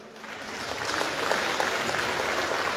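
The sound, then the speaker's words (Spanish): An audience applauds to welcome a member of the Cochabamba Departmental Assembly who is about to speak, a dense crackle of many hands clapping that swells slightly after the start and holds at a strong, even level with no voices. “Recibimos con fuertes aplausos.”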